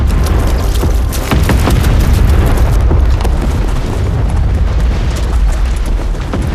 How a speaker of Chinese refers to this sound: 炮声是从北边打过来的，难道敌人绕到我们后边去了？